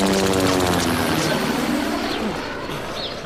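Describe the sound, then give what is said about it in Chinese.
A propeller aircraft drones loudly overhead, a steady rumbling engine with beating harmonics that fades slightly as it passes, with faint bird chirps in the background. “我们红军要是也有自己的飞机就好了。”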